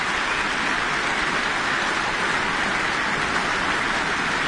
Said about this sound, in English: And lots of applause for our soloists tonight